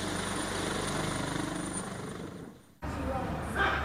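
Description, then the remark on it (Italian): A rescue helicopter landing at Gadoni after a farm vehicle went off into a ravine; its rotors thump in a steady chopping drone with a heavy engine roar, dipping briefly before an abrupt cut to the same loud, continuous engine noise. “I soccorsi sono stati tempestivi, a Gadoni è atterrato pure un elicottero di Areo, ma non c'è stato nulla da fare.”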